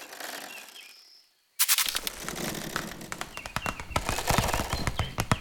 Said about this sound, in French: Ce que j'entends là est, je crois, le bruissement d'une toute petite bestiole, discrète, active, infiniment légère. Une araignée.